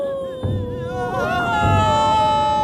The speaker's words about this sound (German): Die Klageweiber jedenfalls kamen aus dem Weinen nicht mehr heraus.